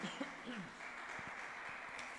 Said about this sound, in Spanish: Dale ese fuerte aplauso a nuestro Rey Celestial.